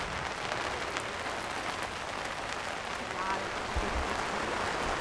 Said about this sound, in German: Ah, komm, nee, niemand, weil es regnet. Es regnet überhaupt nicht. Genau. Also jetzt gerade schon, aber nachher.